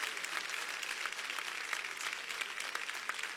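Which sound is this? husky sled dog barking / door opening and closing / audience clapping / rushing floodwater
audience clapping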